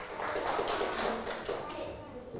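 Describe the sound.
A group of children in a class clap for themselves after passing a quiz, a steady burst of applause lasting a couple of seconds, moderately loud, with faint background voices.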